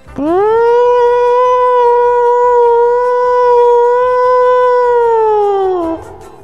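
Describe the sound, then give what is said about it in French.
A man imitates a siren with his voice: one long, loud wail that swoops up, holds a steady high pitch for several seconds, then slides down and trails off. “Et toi, tu l'as fait beaucoup mieux, la sirène.”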